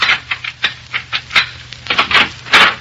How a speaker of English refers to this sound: In a Chicago apartment hotel overlooking Lake Michigan, an attractive young woman dressed to go out for the evening is pacing the floor in a fit of ill temper.